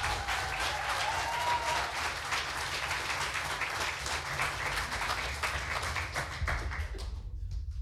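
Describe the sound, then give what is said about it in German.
Sustained applause from an audience welcoming the last contestant of the second preliminary round, who comes from Husum. Dense and steady with many overlapping claps, it holds at a loud level for several seconds before thinning out at the very end. “Er kommt aus Husum, heißt ihn bitte herzlich willkommen mit einem 10-Punkte-Applaus.”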